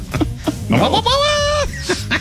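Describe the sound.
A man mimics a goat, letting out a loud, wavering bleat that lasts about a second, with short bits of voice just before and after it.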